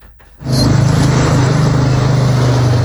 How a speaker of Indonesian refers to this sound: Di setiap sudut jalanan Kota Kendari, deru mesin dan laju roda seolah tak pernah berhenti.